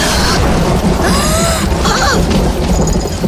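A loud thunderclap cracks and then rolls on as a heavy, sustained rumble that fills the entire few seconds, with sharper crashing bursts along the way.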